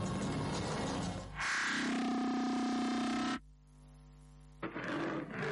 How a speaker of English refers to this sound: As the roar of a lion reverberates across the animal kingdom, so does the news in the network service of Radio Nigeria reach all the nooks and crannies of Nigeria and beyond. Radio Nigeria, the strength of a lion in every newscast.